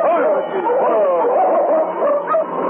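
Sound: dog barking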